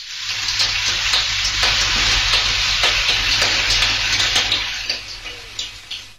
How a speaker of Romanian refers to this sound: Teatru radiofonic. Ploaie!